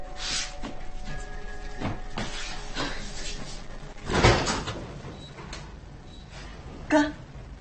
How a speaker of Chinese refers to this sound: 啊，开门去，开门去。